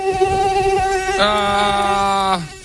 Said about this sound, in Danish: Hvad tænker du? Jamen, det minder mig om så mange ferier. Ja, det er myg. Det er myg.